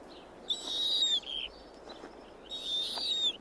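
Owl calls: two drawn-out, high, raspy screeches, each about a second long, separated by a brief pause. They ring out clearly over a faint, steady background hiss.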